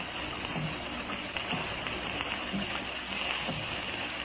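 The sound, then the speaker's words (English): Steady rain patters against window glass, a dense hiss with a few faint, scattered taps standing out every second or so. It stays even and fairly quiet throughout, with no voices. “I could actually believe that the rain was a million fingers tapping on the panes.”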